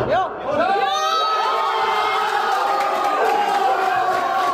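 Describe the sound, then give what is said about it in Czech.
A crowd of football fans in a pub (a family club) in Dolní Němčí, Slovácko, erupts in loud, sustained cheering and shouting, many voices overlapping in a dense roar of celebration after Krejčí's headed goal gives the lead. “Nejdříve po Krejčího vedoucím gólu hlavou vytryskal na Slovácku velikánský gejzír radosti.”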